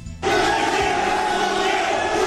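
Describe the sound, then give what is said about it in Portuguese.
A crowd erupts into loud, sustained shouting after a brief quieter moment, many voices yelling at once in a dense, continuous uproar, during a commotion involving Neymar at a football match. “Aí vocês estão vendo o momento da gritaria, ó.”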